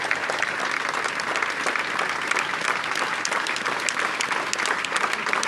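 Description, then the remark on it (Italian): At a funeral, a large crowd of hundreds claps steadily and densely for several seconds for the coffin of Sofia Barberi, hundreds of hands blending into a continuous, even roar of applause with no voices standing out. “Sentite l'applauso al feretro che contiene all'interno il corpo di Sofia Barberi, tantissime persone, direi centinaia di persone.”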